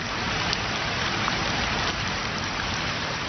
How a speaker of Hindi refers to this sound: आसमान से झर झर गिरती बारिश की बूंदें अपने साथ ये सवाल भी लाती हैं कि क्या ये बूंदें जमीन के भीतर भी उतरेंगी या फिर हमारे कंक्रीट के जंगलों से बहकर दूर चली जाएंगी।